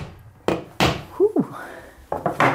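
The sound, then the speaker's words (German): At home, a hammer strikes a new nail into a wall in loud, sharp thuds: two spaced blows, a brief squeaky scrape, then a quick run of three more hits. “Und packt es gleich aus, greift zum Hammer und schlägt einen neuen Nagel in die Wand.”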